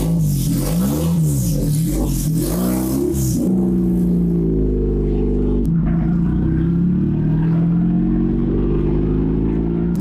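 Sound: race car engine revving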